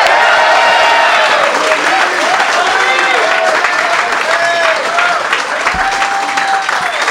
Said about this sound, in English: Big applause for Joey Diaz!